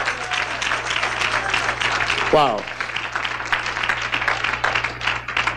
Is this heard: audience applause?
yes